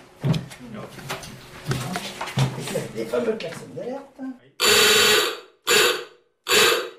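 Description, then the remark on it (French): A man talks, then a submarine's dive alarm klaxon sounds three loud, harsh, buzzing blasts, the first longest and the next two shorter, with brief gaps between them. “Les fameux klaxons d'alerte. Oui. Trois coups de klaxon.”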